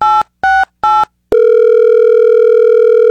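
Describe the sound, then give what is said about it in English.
Three quick telephone keypad beeps, then a loud, steady dial tone that hums on without a break, as a radio show places a call to a former KBUL morning show host in Nashville. No one speaks. “This phone call has been long in the making.”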